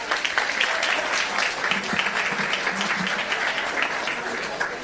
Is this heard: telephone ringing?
no